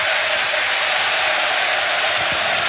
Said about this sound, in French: Il y a l'ancien joueur Blé qui est également décédé il y a une dizaine de jours, un joueur qui a évolué au Standard par le passé. C'est pas vraiment une minute de silence, c'est plutôt une minute d'applaudissement, comme vous l'entendez.